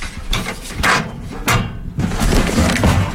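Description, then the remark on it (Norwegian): In the morning, a paper newspaper is pushed into a mailbox, with a rattling metal flap, a couple of sharp clacks and a rustle of paper sliding in, then a brief scraping clatter. “Postkassa! Ja! Postkassa på avis!”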